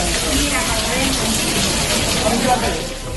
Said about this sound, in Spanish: es el caer de la lluvia, del agua en este caso, en el materno de Badajoz, donde en las últimas horas se inundó parte de los paritorios